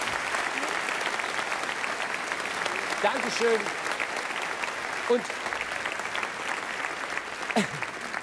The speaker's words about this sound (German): Jetzt gibt's mal einen Applaus für unsere ehemaligen Brautpaare. Ich finde es so toll.